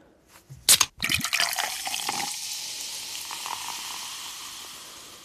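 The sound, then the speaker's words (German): A sharp crack and hiss as a soda can is opened, followed by the soda pouring and a steady fizzing that slowly fades. Fairly loud, with no voices. “Ich denke, es ist eine Limo aus der Dose.”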